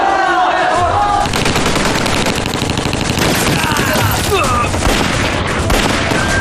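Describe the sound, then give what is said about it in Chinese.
Heavy gunfire from Communist troops rattles nonstop in dense, overlapping bursts of machine-gun fire and shots, loud and unbroken throughout, with occasional booms mixed into the clatter. “不行啊，共军火力太猛，冲不出去。”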